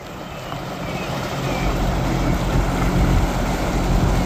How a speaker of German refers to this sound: Da fährt sie, die schwimmende Bühne für die Eröffnungsfeier, mit Schleppern einmal über den Maschsee gezogen bis ans Nordufer.